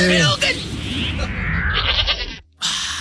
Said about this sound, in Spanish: El chivo, ¿por qué ladra? No sé, es que está invocando demonios.